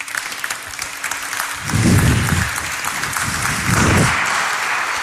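An audience applauds steadily for about five seconds, a dense crackle of many hands clapping that swells slightly partway through, with low thumps and murmurs beneath it.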